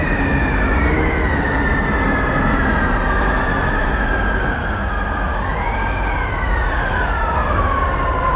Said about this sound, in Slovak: Vietor že plače? Malý blázon, vietor sa smeje. Vietor je bezcitný a preto sa im vysmieva.